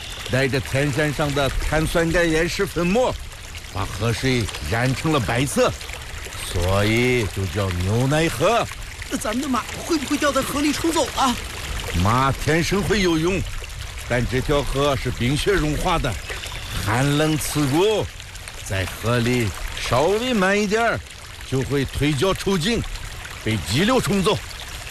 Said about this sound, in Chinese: 这条河就是纽奈河吧？ 对对对，每年夏天，融化的雪水从源头奔腾而下。